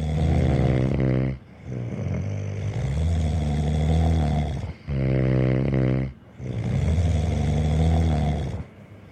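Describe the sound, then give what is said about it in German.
Loud, rumbling snoring in steady breath cycles, each long buzzing, low-pitched rattle followed by a rougher exhale, with short silent gaps between breaths. No one speaks. “Herrlich, dieses lauthalse Herausschlafen.”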